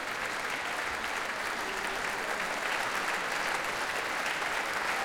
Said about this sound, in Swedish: Och nu kommer George Benjamin ut på scenen och ansluter sig till applåderna också till violinisten här. Och nu får han själv komma fram på scenen och fortsätta ta emot tacket från publiken.